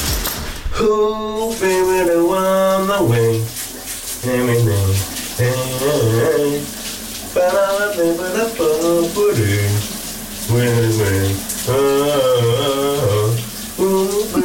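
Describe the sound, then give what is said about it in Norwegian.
A man sings a quiet, subdued melody in phrases in the morning shower over the steady hiss of running shower water, his voice rising and falling in sustained notes with brief pauses between lines. “men den er også sådan lidt stille sangen, som han i dag synger i bruseren.”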